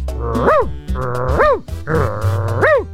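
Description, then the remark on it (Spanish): A small dog named Onyx gives three drawn-out, whining yowls in a steady rhythm, each one swooping sharply up in pitch and then falling away, loud over a low background rumble. “Allá está en sintonía con Onyx, el perrito encantador Onyx. Vamos a saludarlo, pues.”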